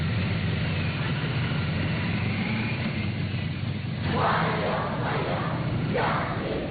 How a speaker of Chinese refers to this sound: 人民大会堂北门外，礼宾分列道路两侧，青少年热情欢呼致意。 欢迎欢迎，热烈欢迎，欢迎欢迎，向您致敬。